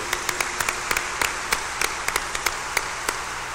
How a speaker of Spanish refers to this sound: Démosles fuertemente el aplauso.